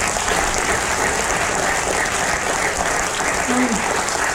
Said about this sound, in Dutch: En tenslotte de gastvrije en lieve medewerkers van Theater Blariken. Nog een hartelijk applaus voor die medewerkers.